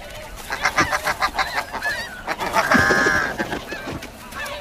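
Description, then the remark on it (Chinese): Snow goose parents, defending their eggs against Arctic foxes, honk repeatedly in a noisy, overlapping chorus of harsh, nasal calls, with a sustained louder burst of honking near the middle before the calls thin out toward the end. “要想突破雪雁父母的防线，绝非易事。”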